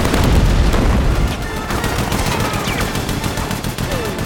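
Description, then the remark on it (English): Rapid bursts of heavy gunfire from a large gun crackle continuously as soldiers fight near a mansion amid explosions, with dense overlapping shots and low booming rumble, loud and chaotic throughout. “They run towards the mansion, avoiding gunfire.”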